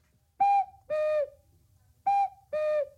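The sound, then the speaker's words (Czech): A cuckoo clock sounds its call twice, each a clear, reedy higher note dropping to a lower one, with a short pause between the two calls and no talking. “Jo, proč kukají, tati?”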